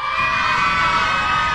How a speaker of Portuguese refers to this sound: Quer ver as crianças? Criançada, faz barulho aí!